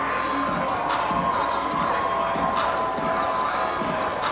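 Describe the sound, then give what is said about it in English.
A large baseball stadium crowd at Wolf Stadium in San Antonio cheers and roars steadily in the bottom of the ninth inning, a dense wash of shouting and whooping voices that swells in waves and stays loud throughout. “And Cedeno, as he did after his intentional walk, firing up this Mission's crowd”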